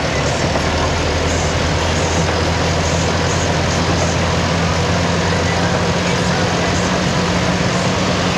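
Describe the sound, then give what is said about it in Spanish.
A vehicle drives through the flooded Calle Caucao toward Rubén Darío in Valdivia, its engine droning in a steady low hum beneath a constant, loud wash of rain and water noise, unchanging throughout, with no voices. “Bueno, nos envía un video, por eso se escucha de fondo también el sonido del vehículo, algo de lluvia.”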